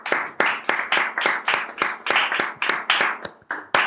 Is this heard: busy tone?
no